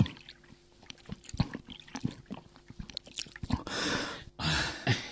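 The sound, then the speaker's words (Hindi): Wet gulping and swallowing sounds in an irregular rhythm as someone drinks water from a water seller in the heat, then two rushing bursts of water being poured, with a short pause between them. No one speaks. “जरा यहाँ आओ, इतनी प्यास लगी है, जरा पानी पिलाओ, गला सूख रहा है।”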